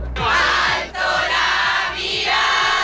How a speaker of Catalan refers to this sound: Fora del Palau, la Guàrdia Real l'ha rebut amb honors d'estat i una multitud de fidels l'ha aclamat a la seva arribada amb càntics i deixant clares les ganes d'escoltar el missatge del pontífex.